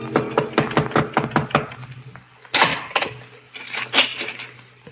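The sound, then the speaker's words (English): A rapid run of about a dozen sharp, evenly spaced knocks on a door a few minutes before midnight, fairly loud, followed by a couple of heavier rattling thumps, over a low steady hum. “A few minutes before midnight, the knock came.”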